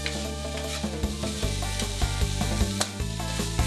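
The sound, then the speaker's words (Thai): Herbs stir-frying in hot oil to release their aroma, a steady crackling sizzle with scraping stirs and occasional sharper clicks, continuous and fairly loud with no talking. “นำพาไปผัดในน้ำมันให้สมุนไพรส่งกลิ่นหอมพร้อมตามใส่คือกุ้งสับปรุงรสด้วยซีอิ๊วขาวและน้ำตาลมะพร้าว”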